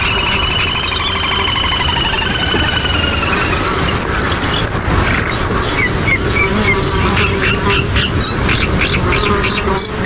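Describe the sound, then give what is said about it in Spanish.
Flamingos and little grebes hidden in the wind-swayed reeds of the Tancat de Emilia at the Albufera call on a hot day in a dense, overlapping chorus, with rapid high chirping trills repeating over a constant droning hum of mosquitoes. “Y en el tancat de Emilia, con un calor tremendo, entre el soplo de los cañizos, de los carrizales mecidos por el viento, escondidos tras las cañas, están los flamencos y los zampullines comunes.”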